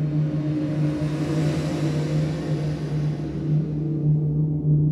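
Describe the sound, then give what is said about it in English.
A steady, loud engine drone holds for several seconds, a low humming rumble with a constant pitch and faint rising revs, with no voices. “The endless drones of engines, from the early morning to the late evening, can be really annoying, right?”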